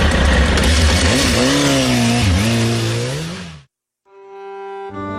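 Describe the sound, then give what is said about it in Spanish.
A car engine revs loudly as a 32-year-old man drives off in a stolen car, its pitch climbing and dipping as it pulls away, then cuts off abruptly; after a brief silence a steady, humming tone takes over. “El hombre de nuestra historia tenía 32 años cuando robó ese auto.”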